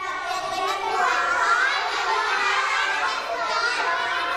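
Children shouting answers over one another at once, answering their teacher's question about their dream jobs during an English lesson; a loud, continuous jumble of young voices with no single speaker standing out.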